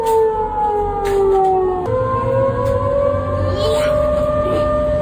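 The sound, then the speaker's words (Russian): A loud civil defense air raid siren wails continuously, its tone sliding and holding in long sustained harmonics, with a low rumble of background noise underneath. “Но даже если сирены сработали вовремя, человек все равно не знает, что ему делать.”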